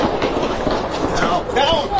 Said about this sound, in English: Yeah, that's gunshots. You can hear.